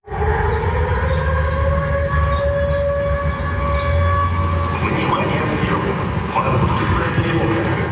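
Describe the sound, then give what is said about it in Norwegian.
An air raid siren warning of a Ukrainian drone attack wails continuously for the full length in Sevastopol, Crimea, its steady, slightly wavering tone sounding loud and sustained over a low background rumble. “Dronealarmen går mens NRKs reportageteam är i Sevastopol, den största byn på Krim.”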